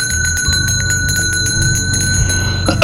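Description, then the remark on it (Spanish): A hand bell rings rapidly and continuously, its bright metallic strikes blending into a sustained, shimmering tone for a few seconds with no voices. “Puedes comenzar con una campana.”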